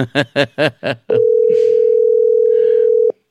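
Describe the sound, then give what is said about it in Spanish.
Five quick, evenly spaced electronic beeps give way to a single long, steady telephone ringback tone lasting about two seconds, loud, with no one talking; an outgoing call to the works manager of the district municipality of Villarricas. “Buscamos el contacto telefónico con el gerente de obras,”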